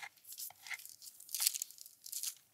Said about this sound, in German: So, und siehst du, dadurch, dass ich das Papier jetzt festgeklebt habe, kann ich also auch den Teig problemlos hier verteilen.